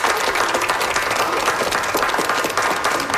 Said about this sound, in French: Je pense qu'on peut lui donner une bonne main d'applaudissement. Merci.